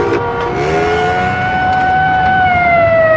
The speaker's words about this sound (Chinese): 大街上不断有警笛声传来